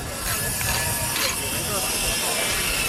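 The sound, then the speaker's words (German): Chipboard panels being sawn to size outside the Festival Palace on the Croisette in Cannes, during preparations for the film festival: a steady, harsh, hissing whine that runs without pause for about three seconds, dense and fairly loud, with faint tonal ringing woven through the noise. “Spanplatten werden zurechtgesägt.”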